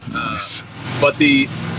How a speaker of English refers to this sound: 1 second, I got a truck going by. Oh, look at that. There you go.